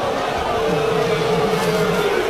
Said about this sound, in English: Crowd disagrees.